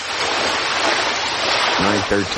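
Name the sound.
ocean waves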